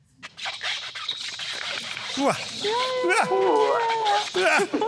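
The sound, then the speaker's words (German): Squeaky, rubbery squeals from chewing coffee-soaked bread cheese, several wavering squeaks in quick succession over soft mouth and chewing noises. “Und dann gibt es so ein schönes Quietschen beim Kauen.”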